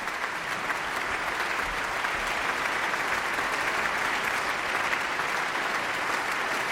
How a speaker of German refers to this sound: Aber zunächst noch einmal Applaus für den Solisten des Abends. Gil Scham ist noch einmal auf die Bühne der Berliner Philharmonie gekommen und verbeugt sich vor seinem Berliner Publikum.